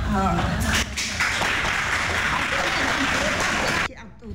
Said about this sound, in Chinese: 掌声鼓励哦！